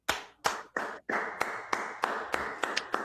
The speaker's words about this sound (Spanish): Me sumo a los aplausos